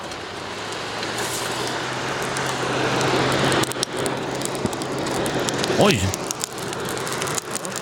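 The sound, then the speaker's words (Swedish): Steady, dense crackling and hiss like a fire burning in a portable field forge, with a low constant hum beneath and a few sharper pops; a voice briefly exclaims once. “Det är, vad ska man säga, en portabel... smedja, tror jag.”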